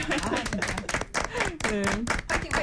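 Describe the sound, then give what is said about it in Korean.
A few people clap in a quick, steady patter for a couple of seconds, with voices talking over the applause, cheering the musical The Last Man ahead of its UK performance. “그래서 시원하게 박수.”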